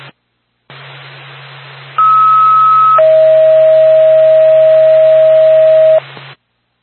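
A dispatch alert tone for Whitefield ambulance over radio static: a steady higher tone holds for about a second, then drops to a longer, lower tone lasting around three seconds before the hiss cuts off.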